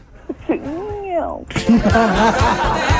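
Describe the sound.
A person imitates a cat with one drawn-out, rising-and-falling meow, clear, followed right away by louder laughter and lively voices.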